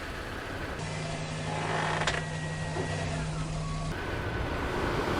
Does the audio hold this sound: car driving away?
yes